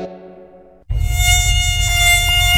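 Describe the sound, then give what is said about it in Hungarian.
A mosquito's thin, high-pitched whine drones steadily, then after a brief dip returns louder over a dense low rumbling buzz. No one speaks. “A rovarcsípések már senkit nem ijesztenek meg.”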